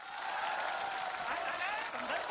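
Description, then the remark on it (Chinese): The audience of a China Central Television show applauds to vote for all three performers going together: a dense wash of many hands clapping at a constant level for the whole stretch, loud and sustained with no pauses. “同意我仨一块去的鼓掌。”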